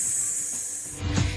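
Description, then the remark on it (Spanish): A person imitating a snake hisses, one steady, sharp sss held for about a second, fairly loud, ending with a brief breathy rumble. “Así cantamos las serpientes.”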